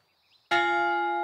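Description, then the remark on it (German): A single loud strike of a bronze memorial bell, cast in Castelnuovo del Monte, Italy, with steel from the Walpersberg, rings out sharply after a quiet moment, its rich metallic tone sustaining with layered overtones as it hums on without fading much. “An die Opfer der Rheinmark erinnert jetzt auch diese Glocke.”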